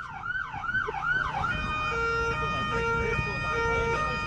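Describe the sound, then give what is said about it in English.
A loud Wellington Free Ambulance siren wails in rapid rising-and-falling sweeps, then shifts into steadier sustained tones over a low traffic rumble. “I'm going to take you out with an ambulance siren.”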